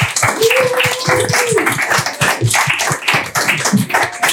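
An audience applauds to welcome an invited guest, with loud, dense clapping that keeps a steady, rapid pulse, a few hand claps standing out sharply, while an occasional whistle or cheer rises briefly above it.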